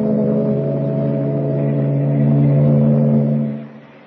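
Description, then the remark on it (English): A ship's engine drones steadily in a deep, humming rumble as the ship clears the harbor and heads for the open sea, swelling slightly before fading away near the end, with no voices. “Meanwhile, three decks above, well out of earshot, Clark Kent waits for the boys at the shuffleboard court as the ship clears the harbor and heads for the open sea.”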